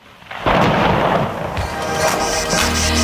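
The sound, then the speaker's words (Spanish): A loud, sudden rumble of thunder bursts in after a brief quiet, rolling on with a dense, broad roar and a few sharper cracks, joined by the steady hiss of heavy rain, during a sudden, unexpected downpour in San Sebastián de los Reyes. “Que nos ha caído un chaparrón aquí en San Sebastián de los Reyes, que no lo esperábamos.”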